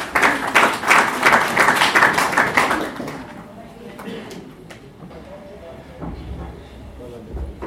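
An audience at a celebration of the Constitution of Kenya breaks into loud, dense applause, many hands clapping at once for about three seconds before it fades into a quieter murmur of background crowd noise.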